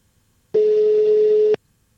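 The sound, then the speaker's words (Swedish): A single steady telephone ringback tone sounds for about a second as a phone call is placed, clear, with quiet silence on either side and no voices. “Nej, det ringer jag kanske mitt i frukosten på sängen.”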